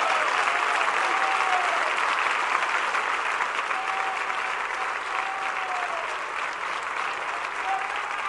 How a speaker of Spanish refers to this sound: En el nombre de Jesús, dele muchos aplausos al Señor si puede.